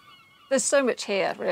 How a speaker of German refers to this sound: Und das hier ist mein Studio in einem Dachboden, direkt im Herzen Peels. Wenn man genau hinhört, kann man hier die Möwen schreien hören.